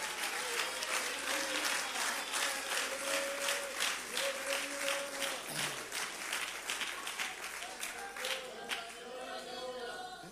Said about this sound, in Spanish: Dele palmas al Espíritu Santo en esta hora. Sea libre para adorarlo.